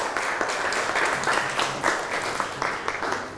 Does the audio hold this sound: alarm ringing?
no